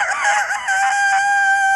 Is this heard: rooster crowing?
yes